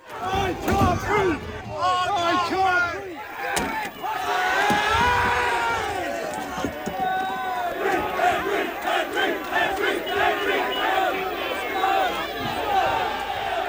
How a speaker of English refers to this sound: Last night, protesters marched across the city. Chairs and flares were thrown at police officers in riot gear, forcing them to retreat.